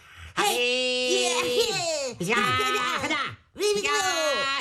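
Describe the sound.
Voices imitate martial arts fighting into a microphone with three long, loud, strained cries that swoop and bend in pitch, with brief gaps between them and no ordinary talk.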